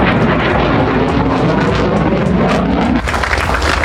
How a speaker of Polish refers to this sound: Najpierw samoloty powitały się z Polską i przeleciały nad Gdańskiem, Warszawą i Krakowem, po czym wróciły do Łasku na oficjalną ceremonię przywitania samolotów.